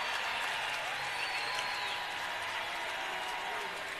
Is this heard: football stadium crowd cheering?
yes